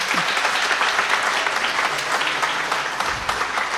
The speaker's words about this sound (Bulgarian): Аплодисменти за тях.